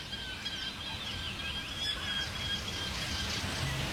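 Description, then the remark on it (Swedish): A yellowhammer sings faintly a little way behind, with thin, high, slightly buzzy notes over a steady, hissing wash of noise like light rain. No voices are heard. “Och så fick vi en ny art där. Vi hördes en gulsparv.”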